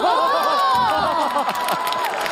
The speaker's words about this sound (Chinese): 鼓掌啊！